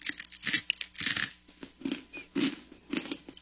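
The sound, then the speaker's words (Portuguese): Loud crunchy chewing of a fried snack from Niger, a run of crisp crackling bites repeating every half second or so in an uneven rhythm, with no talking over it. “Crocante, né? É crunch, é.”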